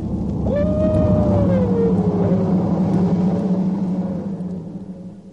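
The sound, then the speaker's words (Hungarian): A single long, mournful dog howl rises sharply, then slowly sinks in pitch over a few seconds, wavering slightly above a steady low rumbling background. No one speaks. “Mi volt ez? Merről jön a hang? Kutya!”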